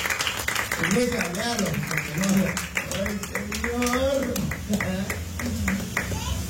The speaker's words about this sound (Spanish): Una ofrenda de palmas fuertes a nuestro Dios.